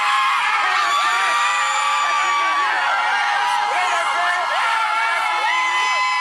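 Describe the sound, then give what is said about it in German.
A dense crowd of Haiti football fans cheers and screams continuously as the Haitian team's blue bus pulls up at the team hotel in Boston on Thursday, with many overlapping high-pitched shouts and whoops rising and falling at a steady, loud level throughout. “Als Haitis blauer Mannschaftsbus am Donnerstag vor dem Teamhotel in Boston vorfährt, gibt es bei den Fans kein Halten mehr.”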